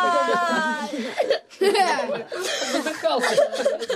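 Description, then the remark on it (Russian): A boy crying hard, with loud sobbing and wavering wails broken by short catches of breath, continuing for several seconds with no talking. “Бедный, он так плачет, что, кажется, сейчас умрет от конвульсий.”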